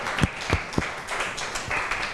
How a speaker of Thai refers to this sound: ขอเสียงปรบมือให้ตัวแทนนักเรียนอีกครั้งหนึ่งค่ะ